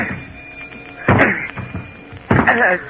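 Two heavy, booming thuds about a second apart as a shoulder rams against a jammed stateroom door aboard a ship that seemed to collide with another ship, trying to break it down, each impact followed by a short rattling resonance, loud over a low background hum.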